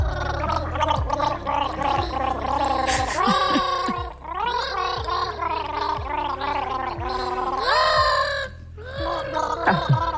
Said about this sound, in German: Denn das Besondere, den Bienensong, den du jetzt erkennen darfst, den präsentieren die Kinder. Sie singen ihn aber nicht. Sie gurgeln ihn.